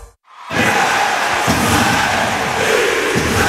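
After a brief silence, a loud ice hockey crowd at Podmežakla in Jesenice erupts in sustained cheering and roaring, a dense wall of voices with occasional low thumps beneath it, holding steady throughout.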